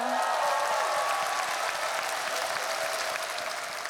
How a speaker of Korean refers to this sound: 우리 안산 시립 국악단에게 박수 한번 주세요.